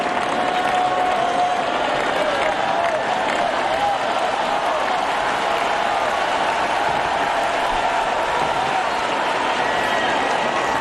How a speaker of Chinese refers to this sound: 出现这样的突发局面，对于高夫来说是承受着一定的压力的，而现场的掌声也给到他，希望他能够再接再厉。